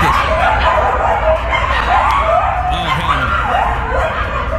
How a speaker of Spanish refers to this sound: That's what it sounds like all day aquí en West Hollywood, en un edificio donde está lleno de coyotes. Los coyotes hicieron su casa básicamente ahí, right?